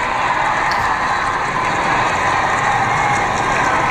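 A large crowd cheers Pope Leo XIV as his car enters the Plaza de la Armería, a dense, steady roar of many voices at a loud, even level with no single voice standing out.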